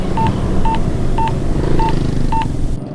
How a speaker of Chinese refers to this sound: 不行，我要打电话给麦克，问他看看。